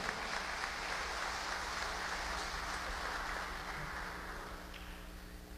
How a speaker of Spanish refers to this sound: Por eso, un abrazo y un aplauso para todo Macas. ¡Que viva Macas en sus 463 años!